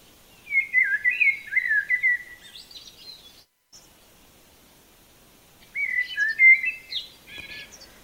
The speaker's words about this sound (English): Well, you're going to get more birds chirping here because I'm not sure what's going on, but I'm going to get this going.